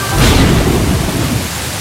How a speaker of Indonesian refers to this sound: Aduh, hujannya nggak berhenti-berhenti dari semalam. Kesel.